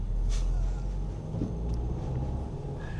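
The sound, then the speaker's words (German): A car drives through city traffic, its engine and road noise a steady, heavy low rumble, with faint passing traffic sounds above it and no one talking. “weil zu bestimmten Zeiten natürlich auch sehr viel Verkehr ist”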